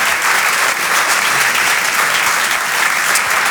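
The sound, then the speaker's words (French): A crowd at the Rire et Chanson Comedy Club applauds loudly and steadily for comedian Flora Amara, a dense wash of hand claps that holds at full strength for the whole stretch without any voices breaking through. “Vous pouvez l'applaudir très très fort, Flora Amara sur Rire et Chanson.”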